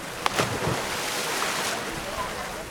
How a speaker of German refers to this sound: Ein paar hundert Meter weiter strömt derweil das Wasser in das Becken, in dem die Siedler sich abkühlen.